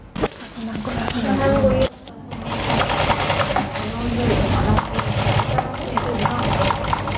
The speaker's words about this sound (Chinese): 缝纫机哒哒作响，操作台上铺满了各色布料、剪刀和线轴，四五位年轻人正埋头专注手头的拼布作品，有人在剪裁拼布手提包的花片，有人在为拼布杯垫搭配颜色。